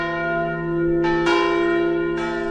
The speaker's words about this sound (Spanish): y actualmente mantenemos todavía el toque de tancar muralles, que lo hace la campana Manuel de la Catedral de Valencia todos los días al finalizar la jornada.